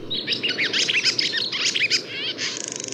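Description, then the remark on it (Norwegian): A barn swallow at a barn where swallows nest with their young twitters in a fast, continuous stream of high chirps and warbles, ending with a buzzy trill, over a steady low rumbling background. “Heldigvis så skal vi få lov til å ha lovesvaler i stund til. Og hun kvidrer og heller stemningen oppe sånn at vi kan føle meg helt litt sommer enda.”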